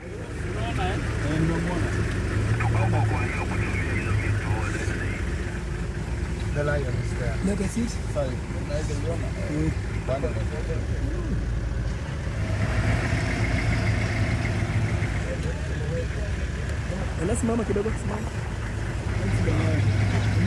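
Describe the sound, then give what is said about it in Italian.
Several car engines idle in a steady, low rumble that never lets up, a line of stopped cars as two lions walk in front of it, with hundreds of tourists, and people talking over the droning hum. “C'è un traffico come fossimo nel centro della città e ci sono due leoni che camminano di fronte a questa fila di macchine, centinaia di turisti, centinaia di telefoni che cercano di scattare la foto che porteranno con sé quando torneranno a casa.”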